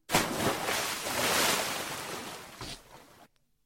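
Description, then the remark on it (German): A person leaps into water with a loud splash, followed by a few seconds of churning, rushing water and a smaller second splash before the sound cuts off abruptly. “Richtig, wenn einer ins Wasser hüpft.”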